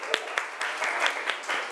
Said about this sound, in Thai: ปรบมือดังๆให้กลุ่มที่5ค่ะ